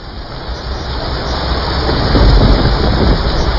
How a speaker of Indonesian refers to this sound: Malam itu, hujan turun sangat deras di sebuah desa di lereng perbukitan. Hujan yang tak kunjung berhenti sejak sore mulai menimbulkan kekhawatiran.